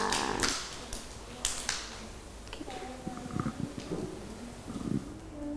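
A few scattered, uneven claps from children ring out sharply at first, then fade into soft tapping as young voices chatter and murmur in the background.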